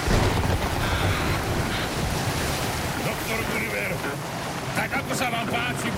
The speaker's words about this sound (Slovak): Loď zapraštala, zastenala a odletela nabok ako pierko. Vietor driapol plachty a vlny ako veľké hory sa prevaľovali cez palubu. Loď poletovala po rozbesnenej hladine ako škrupinka.